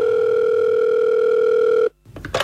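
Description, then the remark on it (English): A telephone rings with one loud, steady electronic tone lasting about two seconds, then cuts off abruptly, followed by a moment of silence and brief handling noises. “Suddenly, a phone call.”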